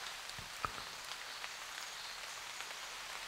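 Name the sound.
rain falling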